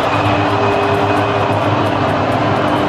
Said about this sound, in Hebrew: עם תחילת לפני תחילת המשחק, שריקות בוז צורמות נשמעו מיציעי האוהדים בלוס אנג'לס בעת שנוגן ההמנון של הרפובליקה האסלאמית.